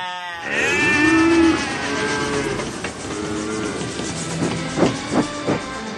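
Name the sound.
cattle mooing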